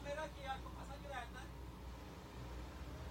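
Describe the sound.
Steady low rumble of a moving ambulance heard from inside, droning continuously throughout, with a person briefly talking over it near the start.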